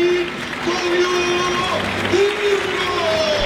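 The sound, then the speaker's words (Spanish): A large stadium crowd applauds and roars for player Diego 'Gonzalito', shirt number 10, in a steady, dense wash of noise, with sustained voices and chanting tones rising above it throughout. “Diego, otro muy aplaudido también, Gonzalito.”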